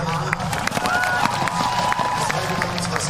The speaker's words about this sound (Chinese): 另外呢，这对组合能感觉出来，在观众的欢呼声当中，他们是很享受比赛的。